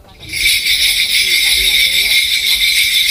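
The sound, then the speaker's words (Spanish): A dense, bright jingle of many small bells shaken nonstop in a Korean shamanic gut ritual, loud, starting abruptly after a brief quiet moment and holding steady, with a faint low rumble underneath and no voices. “Te he traído un fragmento muy pequeñito para que os pongáis un poco en ambiente de qué es lo que suena y cómo se produce este ritual, y se llama GUT.”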